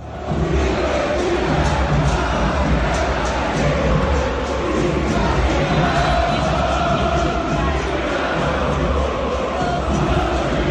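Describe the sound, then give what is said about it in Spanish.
A large football crowd in a stadium chants insults at Tapia together in a dense, steady roar, many voices merging into one loud, continuous wall of sound for the full ten seconds. “Algunos cantaban vos sos hincha de Boca, la que te parió.”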